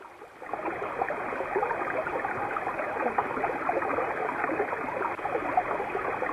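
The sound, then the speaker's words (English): Steady running water from springs flows without a break, an even rush that starts abruptly after a brief pause and holds at a constant level, with no voices. “In the silence, the sound of the water's running can still be heard.”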